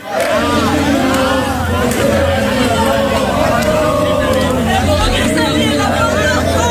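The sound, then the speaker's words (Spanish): Villagers in Torralba de Ribota sing to San Fermín while running ahead of the line bus between Malanquilla and Calatayud in a mock bull run, over the steady low rumble of its engine. The singing is loud and continuous throughout, and the group is moving. “Consiste en que los vecinos se colocan delante del autobús y corren delante de él mientras cantan a San Fermín, como si estuvieran en un encierro.”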